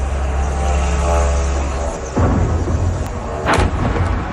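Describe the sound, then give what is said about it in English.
A steady, droning propeller engine of an attack drone buzzes loudly for about two seconds, then gives way to a sharp explosive impact and a second booming blast as the drone slams into an apartment building in Moscow during a Ukrainian attack, with no talking. “An eyewitness video captures the moment a drone slammed into an apartment building in the Russian capital.”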